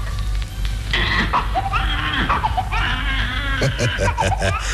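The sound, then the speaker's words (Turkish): A newborn baby in a hospital in Boston, USA, on 18 April 1906 cries after the doctor holds it by the ankles and slaps its bottom: high, wavering wails that rise and fall over several seconds, fairly loud, with a steady low hum in the background. “Yalnızca zenginlere özgü hastanede doktor yeni doğan çocuğun ayak bileklerinden tutup poposuna vurunca bebek ağlamaya başladı.”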